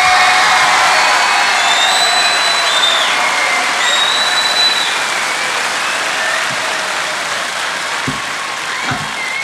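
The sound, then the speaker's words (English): A crowd applauds loudly and steadily throughout, with dense clapping and a few high whistles and cheers rising above it, the noise holding strong for the whole stretch, as a Kingston concert audience welcomes the band's new drummer. “We'd like you to give him a real warm Kingston welcome.”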